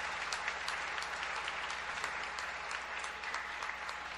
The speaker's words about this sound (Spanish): Bueno, pues démosle igual un aplauso a los que cumplen años. Felicidades.